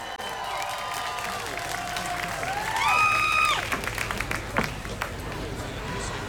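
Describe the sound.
A crowd applauds steadily with dense clapping, joined by cheering voices and a rising whoop that swells midway before the clapping carries on at a steady level.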